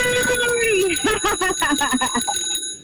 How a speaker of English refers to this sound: Hang on. Let me get the bell.